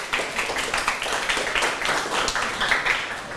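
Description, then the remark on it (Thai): A class in a maths lesson breaks into applause for the student representing group 1: many hands clapping at once in a dense, steady, moderately loud patter that lasts about three seconds, with no talking over it. “ปรบมือให้ตัวแทนของกลุ่ม1หน่อยครับ”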